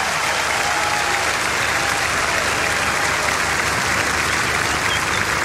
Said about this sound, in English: On the bass guitar, …, everybody. Put your hands together for … right here.